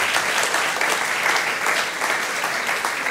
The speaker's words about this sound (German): Ich merke das, Ihr Applaus hält sich im Rahmen, ist alles in Ordnung.